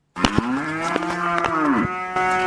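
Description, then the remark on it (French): A cow moos loudly, one long sustained low bellow with a rich harmonic tone, heard alone with no talking, on a livestock farm in Okigalamango that raises cows, sheep, goats and pigs. “Nous sommes dans une ferme d'Okigalamango où sont élevés des vaches, moutons, chèvres et porcs.”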